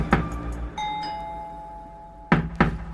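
A sharp knock on a door, then a sustained ringing bell-like tone that slowly fades, followed by two more firm knocks in quick succession. No one speaks.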